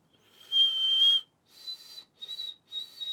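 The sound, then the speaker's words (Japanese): A person whistles an imitation of a bird's song: one long sustained high note, then three shorter whistled phrases with brief gaps between them. The whistling is clear, with no talking. “これでも、ま、真似できそうだね。やってみようか。”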